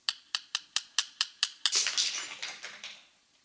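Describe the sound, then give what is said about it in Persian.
A ring taps against watch glass in about eight sharp, bright clicks at an even pace, then breaks into a quicker, denser clatter of ticks that fades away. No one speaks. “او انگشترین را به شیشه ساعت تق تق زده، بعد هر دو را به جری پرداخت.”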